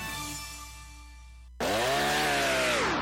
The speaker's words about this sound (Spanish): le ofrecieron una motosierra igualita a Husqvarna, pero más barata. Parecía original, hasta que falló.